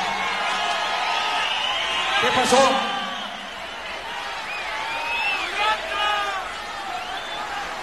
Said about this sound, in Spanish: A ver, esperen, a ver si logro entender a estos gritones.